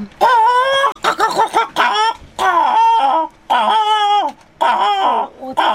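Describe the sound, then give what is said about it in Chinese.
A voice mimics an old hen's clucking in a series of strained, wavering vocal bursts with short pauses between them, rising and falling in pitch with a rough, hoarse edge. “诶，有个人哦，食到遮济岁啊，话唔知影讲哦，老鸡母咧叫安怎？”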